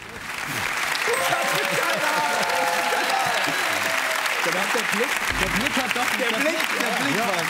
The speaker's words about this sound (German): Die ersten 500 Euro, dieser Applaus ist sehr von Erleichterung getrieben.